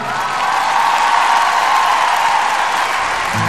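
An audience applauds steadily, a dense wash of clapping hands that stays loud and even for a few seconds with no voices standing out.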